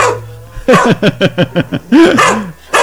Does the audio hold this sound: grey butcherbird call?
no